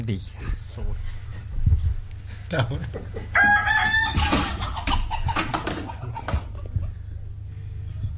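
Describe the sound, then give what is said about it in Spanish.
Hens cluck in a busy jumble, with a louder drawn-out crowing call bursting out midway before the clucking trails off again over low background noise. “ya que estamos en el ruido, ¿qué le dijo una gallina deprimida a otra?”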